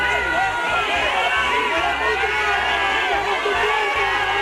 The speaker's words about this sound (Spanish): Abucheos para el titular de Interior de unos ciudadanos cansados de mentiras, hartos de promesas y que se sienten abandonados en lo que ha sido la mayor crisis vivida en su ciudad.